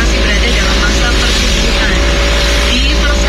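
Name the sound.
road traffic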